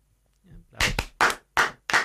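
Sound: applause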